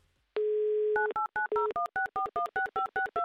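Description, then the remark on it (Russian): A steady telephone dial tone gives way to a quick run of about a dozen touch-tone beeps as a phone number in Ust-Ilimsk is dialed, each key press a short, clear dual-pitched blip. No one speaks. “Номер телефона мы набрали. Ждем теперь соединения, ждем гудков.”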